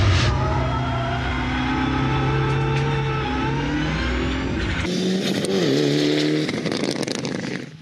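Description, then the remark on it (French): A car engine revs hard on a race track, its pitch climbing steadily, then dropping at a gear change before rising again, loud and continuous with no talking; the engine revs to at most 5,500 to 6,000 rpm. “Et par contre, le moteur il prend pas beaucoup de régime, hein. C'est maximum 5500 tours, 6000 tours.”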